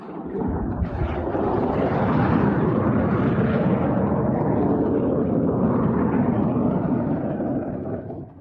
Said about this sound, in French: ce que des pilotes d'avions de combat s'entraînent à atterrir sur la piste comme ils atterriraient sur le pont d'un porte-avions. Tout de suite, nous arrivons sur celle-ci et vous allez l'entendre dès maintenant, les avions font quelque peu du bruit.